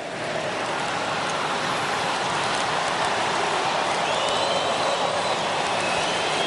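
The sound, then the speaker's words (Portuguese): A stadium crowd of Palmeiras football supporters sings at the Mangueirão in a dense, steady wash of massed voices that stays at an even level throughout, with no individual speech standing out. “Dá pra gente ouvir de fundo a torcida, Bruno, do Palmeiras cantando, escuta aí, ó, no Mangueirão.”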